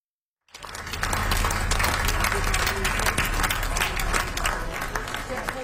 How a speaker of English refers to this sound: Final applause for singer